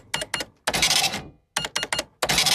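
An old mechanical cash register of the kind that did not yet beep clatters through two rounds: quick key clacks followed by a long, bright ringing crash of the drawer mechanism, fairly loud with no talking.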